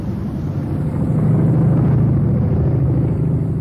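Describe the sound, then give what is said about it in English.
A microphone set alight in a test burns with a steady, loud low roar of flames that fills the whole stretch, swelling slightly after the first second and holding a dense rumbling texture with no voices. “And now I'm going to light it.”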